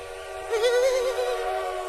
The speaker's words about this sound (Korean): 오, 기차 소리네요.